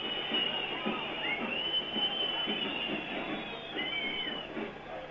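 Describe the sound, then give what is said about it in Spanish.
A stadium crowd whistles steadily at halftime, with the score 47-50, over a dreadful first half by the 'cervecero' team: a dense, piercing high-pitched wash with individual shrill whistles rising and bending over the roar, loud and sustained throughout without letup. “Los silbidos son el sonido ambiente corto, pero elocuente y contundente del primer tiempo espantoso que acaba de jugar el equipo cervecero.”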